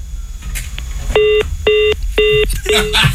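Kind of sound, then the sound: signal or alarm, telephone number being dialed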